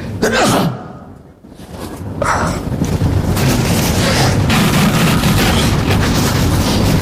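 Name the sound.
sneeze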